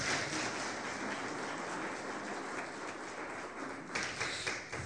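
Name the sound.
audience applause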